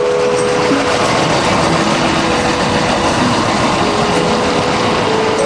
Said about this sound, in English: it doesn't matter if the train is in a tunnel or rolling above the streets, it's still loud as hell